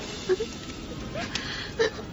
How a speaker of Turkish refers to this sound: Anneciğim, bak yine ağlamaya başladın. Sen ağlama, bak göreceksin, her şey düzelecek.